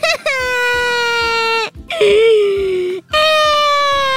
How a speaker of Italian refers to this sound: Sì, sì, piagni che stasera poi ridi quando mi vedi sbranare un McDonald's e tu muta!